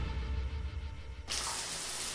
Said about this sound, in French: Examinons ce que l'on peut entendre sous la douche. Ça, vous l'entendez.